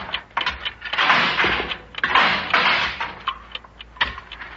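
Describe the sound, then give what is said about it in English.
A Geiger counter, used to take a radiation reading in an airlock, crackles with rapid, irregular clicks that swell into dense bursts twice, then thin back to scattered ticks. No one speaks. “Hand me that Geiger counter, son.”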